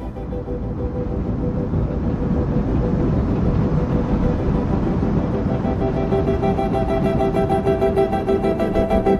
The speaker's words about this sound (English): Have you ever heard railroad train wheels rolling along the rails, clickety-clack, clickety-clack, and thought how musical they sound?